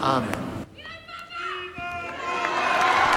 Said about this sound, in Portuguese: O aplauso dos fiéis, então, após a oração mariana do Ângelus, também a bênção apostólica do Papa,